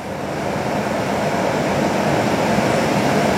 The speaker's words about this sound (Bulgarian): Ето така изглеждат най-новите мотриси на столичното метро. Ние се намираме в една от общо 8-те.